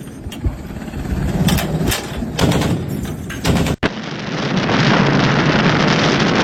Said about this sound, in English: Look at those bullets. And those are big. This is what naval artillery explosions look like when fired.